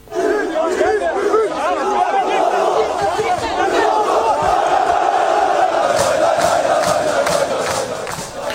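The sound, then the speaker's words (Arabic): A loud crowd of Trabzonspor football fans chants and shouts together, welcoming Mohamed Salah, in a steady, rousing roar that holds at full volume throughout, with cheers rising over the massed voices. “كذلك انتشر فيديو لمشجعي نادي طرابزونسبور يرحبون بصلاح الذي بدلهم التحية، وكان يهتف معهم ويجلس على الأرض ويقف وسط الجماهير التي احتشدت حوله.”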